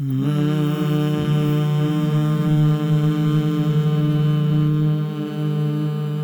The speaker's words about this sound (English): Let's take a deep breath together. And a hum.